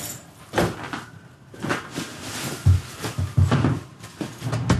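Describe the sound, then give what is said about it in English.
A door is opened and closed as two people walk out, with several clunks, rattles and shuffling footsteps spread over a few seconds, moderately loud with no one speaking. “You're both quiet as you walk out the door.”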